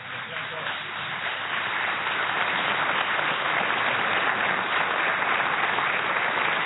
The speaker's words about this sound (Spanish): Un fuerte aplauso para Alejandro Dolina.